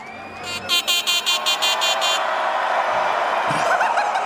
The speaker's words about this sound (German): Ja, das ist jetzt meine neue Hupe. Das ist ja noch. Was ist geiler? Die Hupe oder?